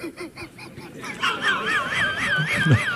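A western swamphen calls with a series of nasal, honking notes, then a louder wavering, warbling cry, with no one speaking.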